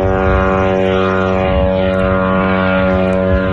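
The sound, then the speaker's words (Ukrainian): Loud, steady propeller buzz of an attack drone droning overhead during a daytime drone attack on Kstovo, Nizhny Novgorod region, Russia, a dense whining engine tone that holds unbroken for the whole few seconds with no voices. “У російському Кстово, це Нижньогородська область, посеред дня лунали потужні вибухи, а місцеві скаржились на атаку дронів.”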